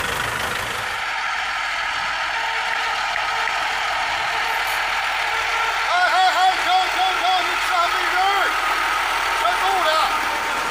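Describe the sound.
The engine of a newly introduced driverless tractor pulling a deep plough drones steadily and fairly loudly throughout, a continuous mechanical rumble, during spring ploughing on the North China Plain, with faint voices rising over it in the second half.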